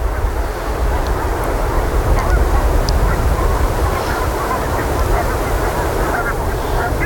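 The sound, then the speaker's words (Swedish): A dense, continuous din of many geese honking and cackling together, a steady flock chorus with constant low rumbling background noise. The geese keep moving back and forth, most standing out by the sea and some on a field a little further inland. “De rör sig hela tiden, gässen, fram och tillbaka.”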